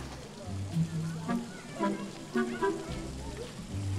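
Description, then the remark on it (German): Steady rain hisses outdoors as a diffuse, even patter filling the background, with a voice murmuring over it at moderate level throughout. “Und der Regen nervt ganz schön.”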